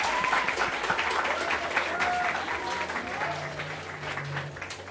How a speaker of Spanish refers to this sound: Bienvenida, maestra. Aplauso para la maestra.